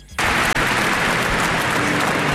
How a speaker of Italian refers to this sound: Un applauso commosso saluta l'uscita del feretro di Alex Zanardi.